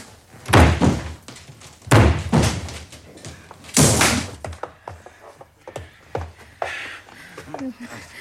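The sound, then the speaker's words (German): A locked door is forced open with a shoulder: three heavy, booming thuds about a second or two apart, the last the loudest, followed by quieter knocks and rustling with some voices. “Gehen Sie weg von der Tür, ja? Ja. Ich breche Sie ein.”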